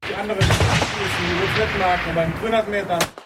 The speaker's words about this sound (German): Der erste Schuss sitzt noch nicht.